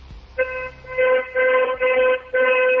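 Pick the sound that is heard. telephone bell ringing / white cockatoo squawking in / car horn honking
car horn honking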